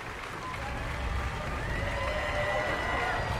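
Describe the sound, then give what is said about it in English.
A large crowd applauds and cheers continuously for euphonium players taking the stage last during the call out after an orchestral performance; a dense wash of clapping that swells slightly after the first second and holds steady, heard from within a big, noisy audience. “They get a big applause here.”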